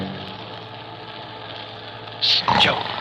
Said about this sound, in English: Desert, flat and empty under a heavy night sky. Speeding along its only road is a large bus. Lulled by the hum of the tires, its smooth motion, the passengers sleep.